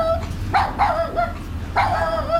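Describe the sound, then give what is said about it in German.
A dog barks sharply a few times, two quick barks followed by a pause and another, fairly loud over a low steady background hum. “Und wenn ihr jetzt einen Hund daheim habt, Entschuldigung, aber...”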